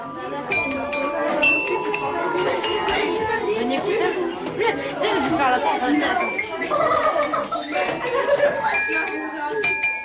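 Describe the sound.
School pupils with their music teacher strike chimes again and again throughout, the bright, sustained tones ringing and overlapping at a steady moderate volume, while a group of voices chatters continuously underneath.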